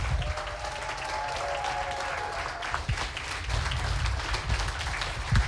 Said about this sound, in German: Und natürlich noch mal einen bitte ohrenbetäubenden 12-Punkte-Applaus für den wohl tollkühnsten Moderator, den Heide jemals gesehen hat